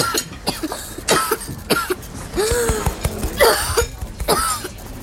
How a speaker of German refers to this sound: Hör auf, lass die Husterei. Vielleicht steckt ihm was im Hals. Glaub mir, Husten ist seine Stärke. Er macht das absichtlich, bestimmt.